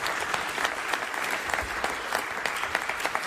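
A crowd applauds steadily, a dense patter of many hands clapping with sharp individual claps popping out now and then, sustained at even volume throughout with no voices.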